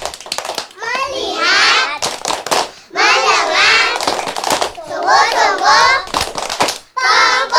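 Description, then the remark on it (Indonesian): A group of children perform a 'tepuk fokus' (focus clap) chant together in a sing-song rhythm, punctuated by loud, sharp bursts of hand claps between and over their phrases. “Iya, kalau masih semangat sekarang kita tepuk fokus.”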